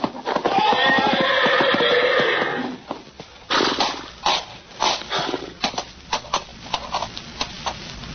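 A horse in a stall lets out a loud, shrill neigh for a couple of seconds, then heavy, irregular stamping and thudding hooves follow as it tramples a man who backed into it.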